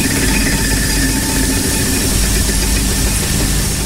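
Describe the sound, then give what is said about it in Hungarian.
A computer game's prize wheel spins after the player presses Alt-P, with a loud, steady whirring rattle that holds for about four seconds, dense and mechanical, with no voices over it. The spin lands on 5000 points. “Hát persze meg is fejthetném, de valahogy még nem tudom, hogy mi lehet ez, úgyhogy Alt-P-vel megint pörgetek.”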